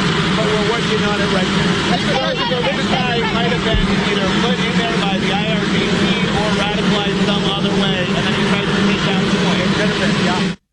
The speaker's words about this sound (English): All right, so kind of hard to hear there with the plane in the background